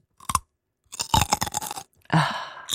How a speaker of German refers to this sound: In Calls oder Konferenzen fängst du immer plötzlich an, irgendwas richtig Knackiges zu essen. Apfel oder Möhre oder so. Es triggert mich übrigens übertrieben, dass du das machst.